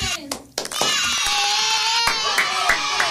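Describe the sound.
A small group claps steadily and densely for a few seconds during a riddle game, with children's voices cheering and calling out over the applause.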